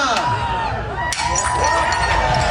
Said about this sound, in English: Mayor Olivia Chow joined the Greek tradition and smashed a plate last night.